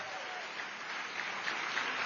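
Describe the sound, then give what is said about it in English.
Steady audience applause at a South Carolina Democratic Party event, for state chair Crystal Spain and the party team: a dense wash of many hands clapping at an even level throughout, with a few sharper claps standing out near the end. “Let's hear it one more time for your fantastic state chair, Crystal Spain, and the whole South Carolina Democratic Party team.”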